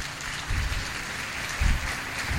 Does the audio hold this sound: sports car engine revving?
no